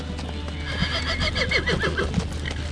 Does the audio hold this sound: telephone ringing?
no